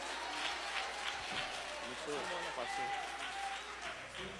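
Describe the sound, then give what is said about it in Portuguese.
An audience claps together to glorify the name of Jesus, a dense, steady wash of applause lasting the whole stretch, with faint voices and calls mixed under the clapping. “Com palmas se glorifica o nome de Jesus.”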